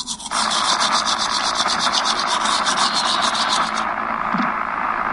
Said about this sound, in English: Mom, something's wrong with my favorite show. It's just, like, static.